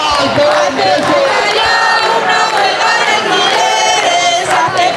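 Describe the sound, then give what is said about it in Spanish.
A large protest crowd, demonstrating against housing speculation and for affordable housing, chants slogans calling for a general strike, many voices merging into a loud, steady roar of rising and falling shouts that continues without pause for the whole five seconds. “Repiten cánticos llamando a la huelga general.”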